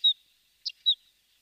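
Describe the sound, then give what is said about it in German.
A bird calls three times in quick succession with thin, high-pitched notes, two of them short downward-sliding whistles and a brief burst between them, heard alone against silence. “Ja, das war der Vogel der Woche.”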